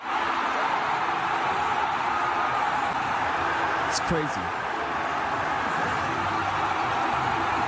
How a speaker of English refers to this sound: And I just want to play you a little noise from the crowd, the overview, when they scored the goal to seal their fate to go to the round of 16 and break a 40-year curse.